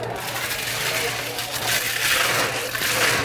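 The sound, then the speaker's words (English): A blender grinds through ice for a blended rum drink with mango and banana syrup, a steady, loud, gritty roar with a low motor hum underneath, running unbroken for a few seconds while faint voices murmur beneath it. “So we put some ice in the blender.”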